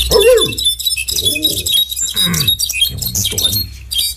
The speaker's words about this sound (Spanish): Hay un jilguerillo cantando en esta mañana. Ahí está.